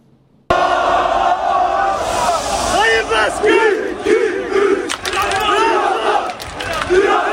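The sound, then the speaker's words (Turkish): A huge crowd of about 25,000 Trabzonspor football fans at the airport in Trabzon, welcoming the Egyptian star Salah, chants and roars together in rhythmic, overlapping waves of voices, loud and continuous after a sudden start, with occasional sharper shouts rising above the din. “Mısırlı yıldızı 25 bin taraftar karşıladı.”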